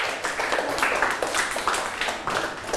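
classmates clapping

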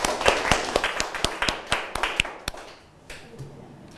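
students clapping

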